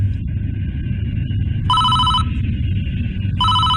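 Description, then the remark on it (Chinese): A telephone on an airplane rings in two electronic bursts about a second and a half apart, clear, over a steady low engine-like rumble. No one speaks. “飞机上的电话响了”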